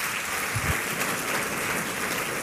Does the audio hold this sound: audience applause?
yes